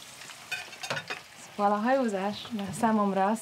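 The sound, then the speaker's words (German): Cooking sounds in a ship's galley as lunch is cooked for the crew: a few quick clattering knocks of utensils and a faint sizzle, then a voice hums or sings a wavering tune over the cooking noise. “In der Kombüse kocht Maschinistin … das Mittagessen für die Besatzung”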